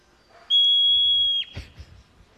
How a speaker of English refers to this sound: Okay, so to get us in the mood for the next discussion, we're going to play a little sound from a hoary marmot in the wild. I love marmots. Here it is.